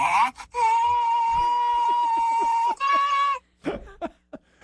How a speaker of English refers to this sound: What was that noise? A quick horn blast. No, it wasn't. It's your car honk.